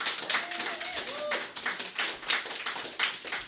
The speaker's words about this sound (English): So everybody, please, so much applause